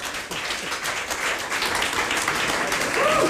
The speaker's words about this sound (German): Und vielen, vielen Dank. Das ist euer Applaus.